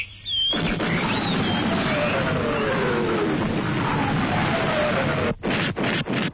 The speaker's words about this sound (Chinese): 炮声震醒了袁汉，也震掉了他浑身的牵挂。连长站在坡上观望，望着那冲天泥柱、漫天硝烟，望的又是满心喜欢。